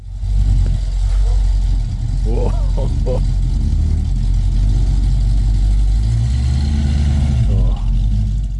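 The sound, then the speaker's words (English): The engine of a Mercury Comet, a classic car from the 1960s and 70s, rumbles steadily with a deep low throb, loud, with a few brief revs and tonal swells over the idle throughout. “The Comet, classic car from the 1960s and 70s. This is what it sounded like.”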